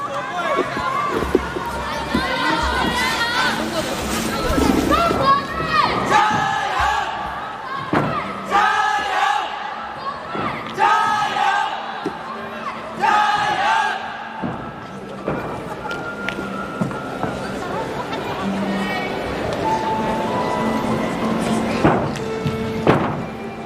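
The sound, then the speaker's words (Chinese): A large crowd of spectators at a gymnastics parallel bars competition in Zunyi, Guizhou, China roars and cheers continuously, with shouting voices and bursts of noise rising and falling throughout, loud. “我们看遵义的观众还是很热情的”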